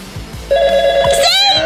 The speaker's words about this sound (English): Make that phone ring. Come on, ringy dingy. I know you got it in ya.